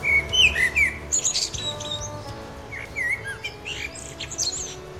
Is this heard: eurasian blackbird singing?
yes